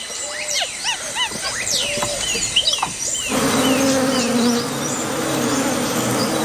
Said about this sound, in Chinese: 蜜蜂比他们来得更早。白脸卷尾猴幼崽冒着被蜜蜂蛰伤的风险，埋头汲取珍贵的水分。